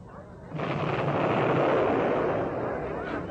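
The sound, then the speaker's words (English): Distant battle sounds, a dense rumble of artillery fire and explosions swelling in after a quiet moment and rolling on steadily, muffled and far off, with no voices. “sounds like a real old battle going on back there.”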